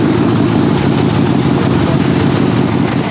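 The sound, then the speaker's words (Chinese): A motorcycle that has just had a German part fitted idles with a loud, steady low rumble and a rough, noisy texture that holds constant for the whole few seconds, with no voices. “我这辆摩托车刚换了个德国零件。”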